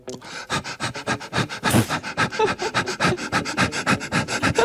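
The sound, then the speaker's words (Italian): Someone hyperventilates as a breathing exercise over a song's intro: quick, steady, breathy pants in a rapid rhythm for several seconds, imitating a thirsty dog panting. “Attenzione, perché se volete svenire sul posto potete fare un piccolissimo esercizio di iperventilazione sull'intro di questo brano.”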